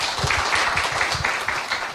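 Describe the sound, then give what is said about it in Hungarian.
An audience applauds, thanking Bishop László Varga for his talk, in a dense, steady wash of many hands clapping at once. The clapping holds an even loudness throughout, with no voices on top. “Köszönjük szépen, Laci atya, ezeket a gondolatokat egy nagy tapssal köszönjük meg.”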